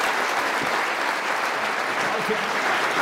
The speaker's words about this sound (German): Vielen Dank, wieder. Florian Schröder, großen Applaus.